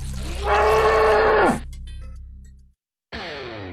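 A cow lets out a long, loud, droning moo that sags in pitch as it ends, followed by a low rumble, a brief silence, then a second moo that is cut off.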